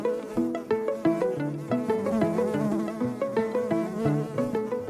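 A mason bee buzzes steadily with no one speaking, its low hum rising and falling in pitch, broken by brief ticks and bumps as it moves about.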